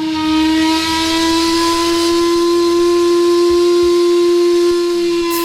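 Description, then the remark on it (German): A loud, sustained steam whistle from a paddle steamer on Lake Lucerne blows one long continuous tone with strong harmonics for several seconds, with a faint hiss and low background rumble beneath it. “Mit dem Dampfschiff Gallia Legends of Lake Lucerne gibt es als Tagesfahrt oder dann am Mittwoch auch als Abendfahrt.”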